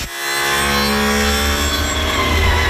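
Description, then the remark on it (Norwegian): A brand-new grinding machine being tested out by a team runs steadily and loudly, a dense mechanical whine with a buzzing hum underneath that holds constant throughout, with no speech. “så har vi funnet frem et klipp fra da det her laget testet ut sin helt nye slipemaskin.”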